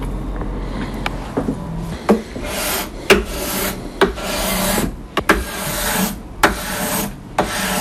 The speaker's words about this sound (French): donc je suis en train de lisser la touche au racloir,